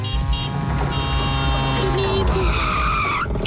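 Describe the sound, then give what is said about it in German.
A tuk-tuk drives through, its small engine giving a loud, steady buzzing whine whose pitch rises and slides before dropping away near the end, with no one speaking. “Also immer wenn Tuk-Tuk durchs Programm durchfährt, dann klingelt ihr durch”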